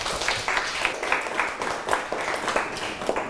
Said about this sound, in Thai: อืมก็คือฝั่งที่อยู่ด้านซ้ายมือ กับฝั่งขวา ฝั่งขวามือเอาปรบมือให้เพื่อน